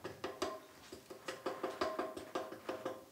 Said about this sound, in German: Für eine schnelle Spontandiagnose wenden sie den Klopftest an. Hier hört man es. Einen defekten Anstrich können wir durch Klopfen ermitteln. Eine intakte Farbschicht klingt so. Lose Schichten vibrieren etwas.